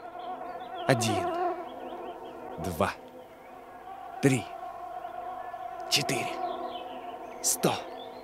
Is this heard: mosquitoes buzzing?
yes